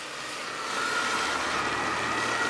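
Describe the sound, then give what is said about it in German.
Emergency vehicles still driving by on the main street (Hauptstraße) in Wittenburg, Germany: a steady, broad roar of engines and tires that swells slightly after the first second, with a faint sustained tone running through it and no talking. “Ja, wir stehen hier aktuell in Wittenburg an der Hauptstraße und man hört es und sieht es vielleicht, es fahren immer noch einige Einsatzfahrzeuge vorbei.”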